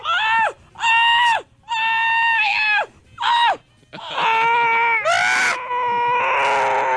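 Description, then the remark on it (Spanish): A series of loud, drawn-out, theatrical screams and wails from a single woman's voice during lovemaking, rising and falling in dramatic bursts with short gaps between them, unrestrained. “¡Qué gritadera!”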